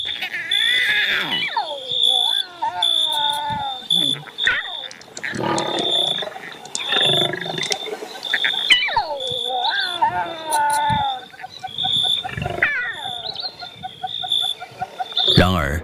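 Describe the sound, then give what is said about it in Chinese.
A lion roars and growls several times, each call sliding downward in pitch, over a constant high-pitched insect-like buzz, fairly loud throughout. “狮子也有幼崽要喂养。”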